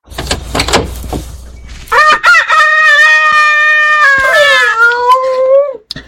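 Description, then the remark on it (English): A few sharp clucks from chickens taken out of a car's back seat, then Hortense, a rooster, lets out one long, loud, wavering crow that lasts several seconds, with no talking. “Him. The rooster?”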